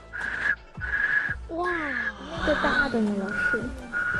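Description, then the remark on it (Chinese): Whistles fitted on a kite are blown by mouth in several short bursts, giving a steady, high-pitched humming tone that starts and stops repeatedly. A small whistle gives the high pitch and a larger one a deeper hum. A person talks over the middle bursts. “这个上面就是带哨口，这哨口的风一吹的时候呢，也是嗡嗡响，声音呢也分为高中低，你看哨口小，声音是高音。”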